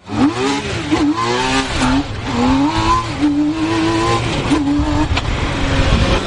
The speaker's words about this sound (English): That's no ordinary vehicle you're hearing. It's a T-Rex, a three-wheeled car. It can hit 145 miles an hour, accelerate from 0 to 60 in under 4 seconds, and get up to 35 miles per gallon.